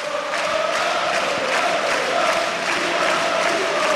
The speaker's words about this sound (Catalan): I aquesta ovació a Badalona és per Nicola Provítola, que torna després de 7 anys, això li encanta a l'afició.